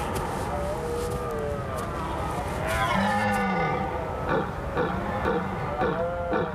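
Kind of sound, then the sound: animal, red deer stags roaring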